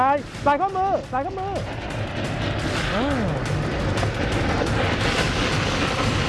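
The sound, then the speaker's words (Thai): A fire hose sprays with a loud, steady rushing hiss that continues unbroken during firefighting training, as four people holding the nozzle walk forward spraying at an oil fire. Voices call out briefly at the start, with a rising and falling shout partway through. “4 ท่าน4คนมาตรงนี้เดี๋ยวมาใกล้ๆกันนะครับจับปลายสายพร้อมนะครับนะเดินเข้ามาใกล้ๆนะครับ1 2 3เดินเข้ามาพร้อมฉีด”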